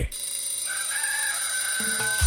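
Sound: rooster crowing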